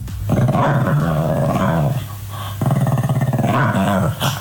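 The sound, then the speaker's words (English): A dog growls and grumbles in two long, rumbling, warbling stretches with a short pause between them, fairly loud, with no talking, in the middle of the night around 2 a.m. while rolling around on the floor. “So there's phases of this dog's noises, right? So the first phase is it's rolling around on the floor, making those noises”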